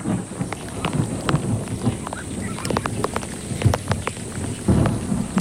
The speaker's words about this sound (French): Oh, la pluie. Il ne manquait plus que ça.